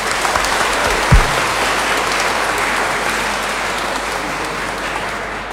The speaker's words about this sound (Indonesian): Saudari-saudara terkasih, saya juga berterima kasih atas keterlibatan partisipasi kita semua, untuk semua petugas liturgi, untuk segala yang menyiapkan, dan juga paduan suara dari SD Marsudirini. Untuk semuanya itu mari kita beri tepuk tangan.